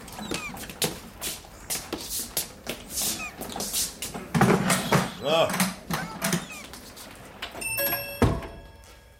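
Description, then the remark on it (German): A heavy sea chest is carried in from in front of the door with a run of dull thumps and wooden knocks, ending in a solid thud as it is set down, with people talking throughout. “Vielleicht hilft mir der Junge eben meine Seekiste reintragen.”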